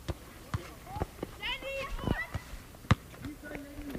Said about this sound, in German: Also ich höre schon Kinder schreien, Ball, Rennen, dann halt der Wind, die Bäume rascheln und manchmal Vögel. Welches Geräusch ist am lautesten? Welches am leisesten? Die Kinder sind auf jeden Fall hier am lautesten